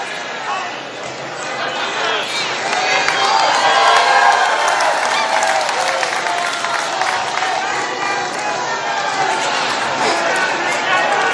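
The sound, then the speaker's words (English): A large crowd at a rally cheers and yells in a dense, sustained roar, with individual shouts rising out of the noise and swelling midway before settling back to a steady clamor. “A lot of crowd reaction. You heard somebody there just yell, FCNN.”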